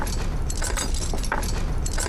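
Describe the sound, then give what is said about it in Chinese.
A bunch of keys jangles on a ring as someone looks for the key to the secret cell, with a steady run of bright metallic clinks and rattles lasting about two seconds over a low background rumble. “哪个是密牢钥匙啊？”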